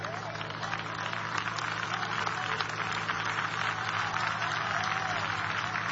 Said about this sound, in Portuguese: Mais forte as palmas para o Senhor.